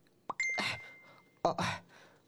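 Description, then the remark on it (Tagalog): A phone's chat notification chime for a message from the speaker's mother plays twice, about a second apart, clear, each a quick bright ding with a thin ringing tone hanging between them. No one speaks. “Uy! Salamat. Nag-chat gid man si Mami.”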